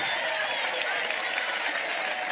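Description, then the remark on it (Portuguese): An audience applauds steadily in praise of God, a dense wash of many hands clapping at an even level throughout, with no pauses or voices standing out above it. “Pode aplaudir a Ele, pode glorificar, podem exaltar.”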